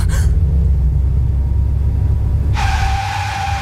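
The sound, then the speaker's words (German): A car engine rumbles low and steady, then a loud, sharp, sustained brake squeal cuts in near the end as the car stops abruptly at a red traffic light. “Ey, was soll das? Warum bremsen Sie denn?”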